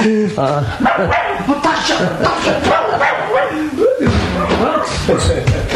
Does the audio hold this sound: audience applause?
no